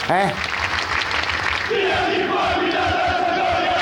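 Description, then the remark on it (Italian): A large crowd of Italian football fans protesting against their club roars and chants together, a dense, continuous wall of voices with a sustained sung tone rising out of the noise, loud and unbroken throughout. “I tifosi, poi io mi auguro che la contestazione rimanga in toni pacifici. Fatemi sentire quello che dicono i tifosi.”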